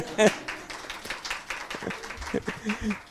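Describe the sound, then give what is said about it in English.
An audience claps in a steady, dense patter of many overlapping hand claps at moderate volume, with a few voices calling out underneath. “You can clap.”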